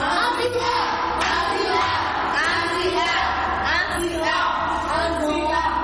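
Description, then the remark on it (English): A group of people clapping and cheering loudly together, a dense, continuous wash of applause and excited yells that fills the entire few seconds without letting up, given for a correct answer in a quiz on the Bible story of David. “A sound clap.”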